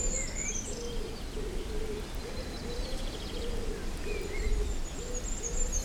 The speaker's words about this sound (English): A pigeon every now and again.